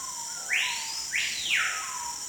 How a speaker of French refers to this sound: Pourtant, ce petit oiseau difficile à voir ne vit qu'en Amazonie.